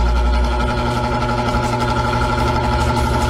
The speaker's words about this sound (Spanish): Mi ventiladorcito es un ventilador respetable y serio. Voy a conectarlo otra vez. ¿Cómo sople? Bueno, siento el aire, siéntalo.